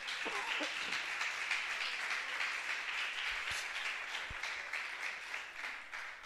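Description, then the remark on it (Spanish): A church audience breaks into sustained applause for Christ during a morning service, a dense wash of many hands clapping steadily for several seconds at an even level, with no one speaking over it. “¿Crees que Cristo se merece un aplauso en esta mañana?”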